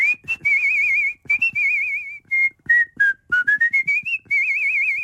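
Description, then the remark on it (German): A person whistles in chirpy, warbling bursts that mimic a small songbird, with quick trills, rising and falling phrases, and short pauses between them, demonstrating the bird whistling from a stage musical role. No one speaks. “Meine Lieblingsrolle war allerdings der kleine Vogel. Den habe ich zwar nur als Handpuppe gehalten, aber im Hintergrund gepfiffen.”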